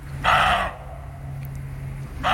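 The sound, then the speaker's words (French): A roe deer barking: two loud, hoarse, rasping barks separated by a pause of about a second and a half, the second cut off at the end, over a faint low hum. “C'est le chevreuil. Le chevreuil aboie.”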